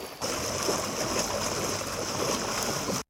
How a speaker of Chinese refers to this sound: 道路一侧的关山河河水已经漫过路面，最深处积水足有70厘米。